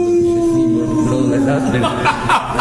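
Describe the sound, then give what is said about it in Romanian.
A person imitates a dog howling at the moon: one long, sustained, slowly falling wail, loud, breaking into rougher vocal noises near the end. “Eu urlu la lună!”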